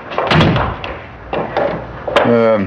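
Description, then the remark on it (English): An electronically operated door, opened by pressing a button, gives a few muffled mechanical thumps and a rumbling slide, ending in a brief steady buzzing hum. “What opened that door, Mr. York?”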